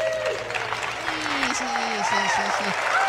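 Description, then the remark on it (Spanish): Steady applause fills all three seconds, a dense, even crackle of many hands clapping, with a soft melodic tone sliding up and down beneath it. The applause is given in praise of a news report. “Y por supuesto, esta nota, le vamos a dar unos aplausos.”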